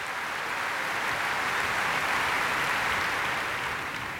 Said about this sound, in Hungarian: Azért elmondja, hogy kik is ezek a tehetséges emberek, a BBC szimfonikus zenekara. És most fel is állt a zenekar, és őket tapsolja ez a lelkes közönség.